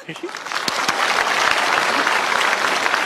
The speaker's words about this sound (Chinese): 鼓掌